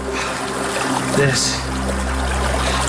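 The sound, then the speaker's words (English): Snowmelt water from the snowpack trickles steadily at the origin point of the Rio Grande, its furthest upstream source, a soft continuous dribbling wash with a faint low hum underneath and a brief murmur of a voice partway through. “and we hiked up into the snowpack to see it melting, to see it becoming the Rio Grande.”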